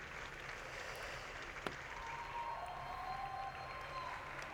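A large audience at the San Sebastián Film Festival applauds the team of the film La Bola Negra continuously, a dense wash of clapping and crowd noise holding steady from start to finish, with faint whistles and cheers threaded through the ovation.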